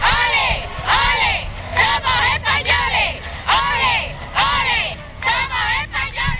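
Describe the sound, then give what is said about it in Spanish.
A large, fervent crowd chants "ole, ole, ole, somos españoles" in unison as King Juan Carlos and Queen Sofía pass by, voices rising and falling in repeated swells with a steady rhythm, loud and continuous over a low background rumble. “Una multitud enfervorecida y apasionada gritaba al paso de los reyes Juan Carlos y Sofía aquello de ole, ole, ole, somos españoles.”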